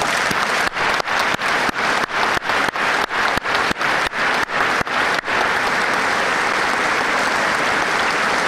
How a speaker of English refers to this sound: Let me take this opportunity to pay tribute to the men and women of our armed forces, serving in operations across the world to maintain our security, keep the peace, and uphold our values. Friends, let us all applaud them today.